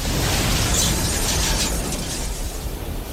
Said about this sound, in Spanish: A media mañana, el vapor francés Galatz, con 41 hombres a bordo, encalla contra el escollo, rompiendo el silencio del horizonte.